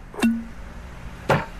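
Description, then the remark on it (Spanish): A bottle of Ron Viejo de Caldas Gran Reserva rum is uncorked with two short pops about a second apart; the first leaves a brief hollow ringing tone, the second is slightly sharper and more scraping. “Primero se destapa.”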